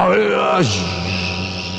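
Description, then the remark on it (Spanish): A voice imitates a laser's hum with the mouth: a steady, buzzing vocal drone that drops abruptly in pitch partway through, then holds low and continuous to the end, fairly loud. “No puedo porque tengo que hacer el láser con la boca.”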